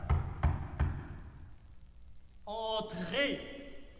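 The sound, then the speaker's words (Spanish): Three firm, evenly spaced knocks on a door by a man who presents himself as a journalist from Paris, followed after a short pause by a brief voice calling out. “Tocan a la puerta.”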